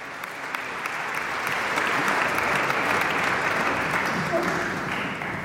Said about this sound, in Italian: Intanto il violinista continua a prendere gli applausi del pubblico, chissà che non conceda un bis, come spesso capita ai solisti.